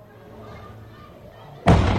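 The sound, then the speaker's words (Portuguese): A single grenade, dropped from a drone onto a street, explodes suddenly near the end in a loud, booming blast that rumbles on, following a stretch of quiet background with faint, muffled voices. “E aí, logo na sequência, o som da explosão, né? De fato, mostrando que era uma granada, logo na sequência em que essa granada é solta ali, é disparada por esse drone.”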